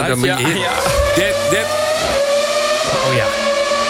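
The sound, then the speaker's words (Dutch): A loud, high-pitched V10 racing engine screams at sustained high revs, its steady whining tone filling the whole clip, with voices faintly audible underneath. “dit is volgens mij de V10 motor. En dat zijn nog van die motoren die echt gillen, weet je wel.”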